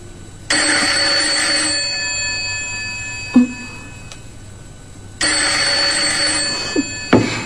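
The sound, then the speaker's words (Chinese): An old-fashioned telephone bell rings twice, each long metallic jangle lasting over a second, separated by a pause, heard clearly with no one speaking. “梅姨拿起了叮叮当当的电话，里边传来了楚才的声音”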